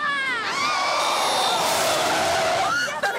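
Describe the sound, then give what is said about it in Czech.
A car brakes hard as a boy jumps right in front of it, with a long, loud screech of skidding tires lasting a few seconds, filling the scene before cutting off abruptly. “On před to auto přímo skočil.”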